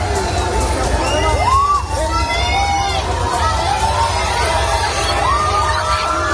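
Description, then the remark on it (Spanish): A dense crowd of Spain national football team fans cheers and shouts outdoors around the team hotel in Seville, Spain, seeking autographs, high excited voices and whistles rising over a steady roar of chatter and noise for the whole stretch. “Los aficionados se han dado cita alrededor del Hotel de Concentración de España para pedir y conseguir un autógrafo de sus ídolos.”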